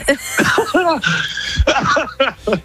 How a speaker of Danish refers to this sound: oh my god, du har bedøvet min hjerne med din hoste.